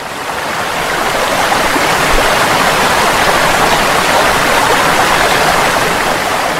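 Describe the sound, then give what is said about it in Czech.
The tall waterfall of the Pliva river at the town of Jajce roars steadily, a dense, foaming rush of falling water that fills the whole soundscape, loud and unbroken with no voices present. “I ova druga, to jest Pliva, izviće se u visok i pjenušav vodopad.”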